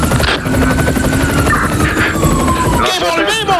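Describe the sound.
A helicopter roars steadily with rapid rotor thumping and a whining turbine tone that slowly shifts in pitch, loud throughout, with voices faintly audible beneath the engine noise.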